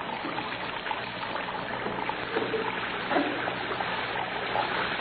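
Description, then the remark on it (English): Water from a plugged-up basin in a jail cell spills steadily over its edge onto the floor, a continuous splashing trickle with no pauses, moderately loud, and no one speaking. “Plug up your base and let the water run on the floor.”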